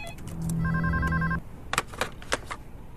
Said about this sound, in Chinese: 麦思源的叔叔、省委副书记麦满仓给于仲军打来了电话。